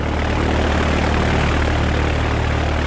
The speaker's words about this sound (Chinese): 远处运输机的马达发出了震耳欲聋的轰响，立刻向前冲去，片刻便腾空而起，消失在黑黝黝的天海里。